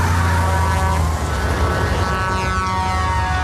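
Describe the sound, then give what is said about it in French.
Loud, continuous engine roar from a car being chased by a tanker truck on roads in California, a dense rumbling drone with a strained, rising whine throughout and no voices. “l'histoire d'un automobiliste pourchassé par un camion-citerne sur les routes de Californie.”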